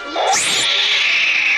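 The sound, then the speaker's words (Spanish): A cat lets out a loud, drawn-out yowl, rising sharply at the start and then holding a shrill, strained wail for over a second with no voices. “¡Quiere jugar el gatito!”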